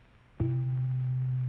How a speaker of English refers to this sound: And now the sound of C below middle C.